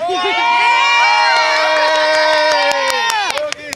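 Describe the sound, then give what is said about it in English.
A crowd of Spanish football fans outside the Jimmy George Indoor Stadium cheers and chants loudly in unison, a sustained roar of many voices holding steady pitches, broken near the end by sharp claps or shouts. “And we are right now outside the Jimmy George Indoor Stadium. And these are the Spanish fans.”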